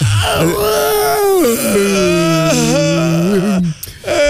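A big, drawn-out yawn with a stretch, voiced as a loud wavering moan, its pitch sliding up and down for about three and a half seconds before trailing off.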